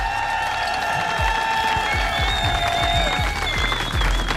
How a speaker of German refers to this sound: Kriegen wir nochmal einen riesen Applaus für alle, die mitgemacht haben.